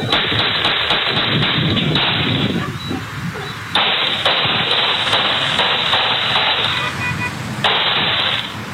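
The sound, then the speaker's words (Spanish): A rapid string of sharp gunshots from an attack, recorded on private security cameras, cracks out in irregular bursts, loud and somewhat distorted over a steady hiss of background noise. Police found 25 9 mm casings at the scene; investigators estimate three weapons were used. “Son cámaras privadas que obviamente están en poder de la policía, pero presten atención a los disparos.”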